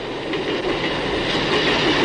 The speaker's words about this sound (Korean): 기차가 강을 지나 철교에 오르면 층층이 높은 철 구조물 사이에 주아의 얼굴이 희미하게 보이는 듯한 착각이 들기도 했다.